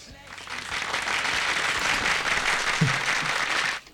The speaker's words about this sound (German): Dann gibt es auch noch für dich einen Applaus.